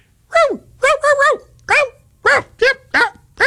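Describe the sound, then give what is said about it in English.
A poodle barks and whimpers in a quick, uneven run of about eight high, whiny yaps, each rising and falling in pitch, fairly loud with no talking. “Have you ever been around a poodle?”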